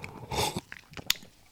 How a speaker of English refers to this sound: Let's have a sip of this iced latte, 1 second. Well, kind of, it's cold latte without milk. There's no ice here, you see, so...